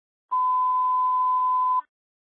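A single steady, high-pitched radio dispatch alert tone sounds for about a second and a half, loud and clean with a faint hiss of radio static around it, then cuts off abruptly into silence. It comes just before a Springfield fire department dispatch.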